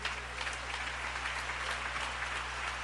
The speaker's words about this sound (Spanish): Si ese aplauso es para Él, de lo más fuerte.